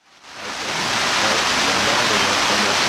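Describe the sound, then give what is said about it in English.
Steady rain falls outdoors in Jackson Hole, a dense, even hiss that swells in over the first half-second and then holds at a constant, fairly loud level with no voices. “Joining us now on the set here in rainy Jackson Hole”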